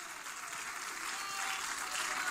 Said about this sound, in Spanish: Demos gloria a Dios, hermanos. Gloria a Dios, gloria a Dios, gloria al Señor para siempre. Palmas de alabanza a Cristo, hermanos.